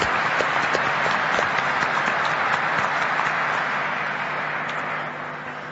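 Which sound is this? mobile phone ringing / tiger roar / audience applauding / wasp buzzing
audience applauding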